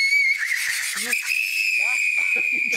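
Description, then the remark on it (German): A tea kettle with liquid nitrogen poured into it, boiling wildly, whistles with a loud, steady, high-pitched tone that holds for the whole stretch, wavering slightly at first, while a voice speaks briefly underneath it. “für den habe ich den Teekessel-Test dabei.”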